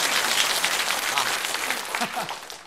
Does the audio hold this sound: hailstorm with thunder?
no